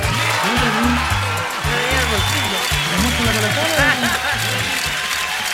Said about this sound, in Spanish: ¡Aplauso!